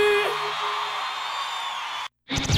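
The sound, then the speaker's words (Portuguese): A loud, dense mass of voices shouting and whooping together, sustained for about two seconds before cutting off abruptly, then resuming briefly. “Quem gostou, dá um gritão aí.”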